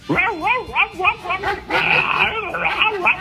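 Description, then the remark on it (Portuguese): A child's voice imitates a dog, the first in a series of farm animal imitations, producing a string of wavering, whiny barks and yips that rise and fall in pitch over a few seconds. “O cachorro foi assim.”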